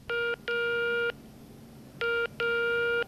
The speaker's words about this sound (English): So, one day, she picked up the phone and dialed 12345.